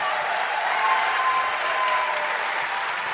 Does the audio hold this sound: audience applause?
yes